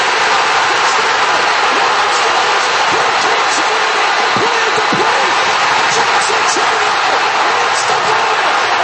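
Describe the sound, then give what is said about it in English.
A baseball stadium crowd in Milwaukee roars and cheers loudly and steadily after Jackson Churio's walk-off, game-winning two-run single for the Brewers over San Diego, a dense wall of voices with a few sharp thumps and claps poking through, never dropping off. “Listen to that crowd.”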